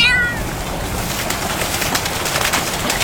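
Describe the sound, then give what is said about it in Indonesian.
A single short, high-pitched meow from Belang, a cat held in a plastic basin, sounds at the very start and fades quickly, followed by a steady hiss of background noise with no talking. “Lihat teman-teman, kucingnya lebih tenang daripada Pok Leila.”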